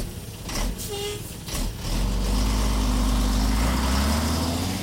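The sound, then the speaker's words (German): A heavy truck engine, the truck of the Lichtgrenze group touring the districts of Bremen, Germany, rumbles steadily at low pitch, starting after a brief burst of background chatter and a short tone, then holding a loud, continuous drone. “ist für uns im LKW der Gruppe Lichtgrenze mitgefahren, um die Bremer Stadtteile besser kennenzulernen.”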